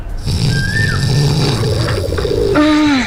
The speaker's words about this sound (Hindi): अन्नू, कबूतर को भगा।